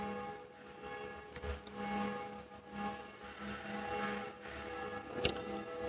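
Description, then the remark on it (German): Church bells ring on and on for evening prayer, their sustained overlapping tones hanging in the air, with a steady repeating swing and no voices. “Die Glocken der Kirche verweisen uns auf das Abendgebet.”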